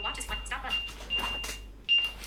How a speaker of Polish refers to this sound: Watch 7, o, Watch 7 pokażę. Możemy... o, mamy przycisk właśnie Ring, czyli możemy zadzwonić. Klikamy. O, brzmi to tak.